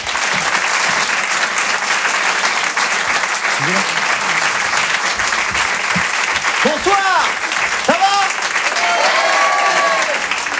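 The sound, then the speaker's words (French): Loud, sustained applause from a large crowd at the Rire et Chanson Comedy Club, welcoming comedian Maxime Gasteuil to the stage, with a few voices and cheers rising over the clapping near the end. “Je vous demande d'applaudir très fort Maxime Gasteuil.”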